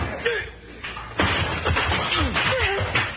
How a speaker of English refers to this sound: Beautiful. You knocked him down with a chair.